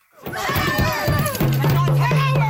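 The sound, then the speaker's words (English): A crowd of angry protesters shouting at Nova Scotia Premier Tim Houston as they swarm his car, climbing on top of it, standing in front of it and smashing the windshield; loud and continuous, raised overlapping voices with one held, drawn-out yell running through the second half. “Protesters shouting at Nova Scotia Premier Tim Houston as they swarm his car, climbing on top of it, standing in front of it, and smashing the windshield.”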